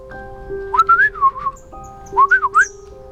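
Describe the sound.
A person whistles two short, warbling birdlike phrases, rising and falling in quick trills, clear over a faint steady background hum, imitating birdsong to speak the language of a small blue-feathered sparrow perched on the edge of a well.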